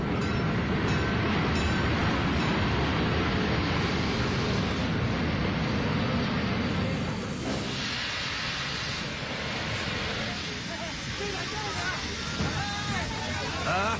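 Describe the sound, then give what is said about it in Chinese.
A loud, steady rumble of the passenger train from Wuhan to Beijing rolling into a station, with hissing and clanking, then the roar eases as it slows, while a crowd murmurs. “武汉到北京就这一趟火车，他一下车咱们就实施逮捕。”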